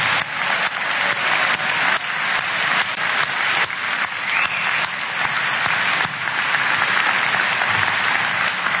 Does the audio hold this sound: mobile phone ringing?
no